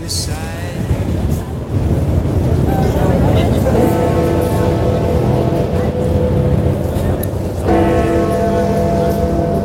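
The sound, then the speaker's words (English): A large clock bell tolls out eleven o'clock, its deep ringing strikes spaced a few seconds apart, each one lingering over a steady roar of wind and surf outdoors. “We're trying to listen to the chimes here. We're about to hit 11 o'clock.”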